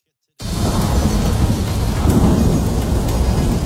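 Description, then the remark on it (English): A steady, heavy downpour hisses while deep thunder rumbles low and continuously underneath, a full storm starting abruptly and holding its loudness throughout. “When summer storms roll in, power outages can happen without warning.”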